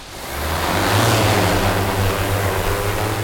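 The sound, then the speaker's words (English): A drone used for an archaeological survey spins up and lifts off from a bright orange landing pad on a sunny day with wind at 2.7 miles per hour, its propellers swelling into a loud, steady whirring drone with a low motor hum and rushing air, with no voices. “watches a drone lift off from a bright orange landing pad”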